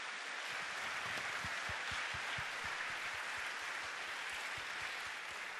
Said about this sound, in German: Der erste Applaus dieses Abends galt unseren wunderbar singenden jungen Leuten, die den Abend heute in drei Teile teilen. Schön, dass ihr da seid. Schön, dass ihr heute mitmacht. Nochmal einen kleinen Applaus für euch.